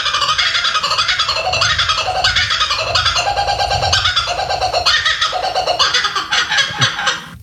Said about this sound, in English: What do you think that is? Is it? A kookaburra. All right. A kookaburra.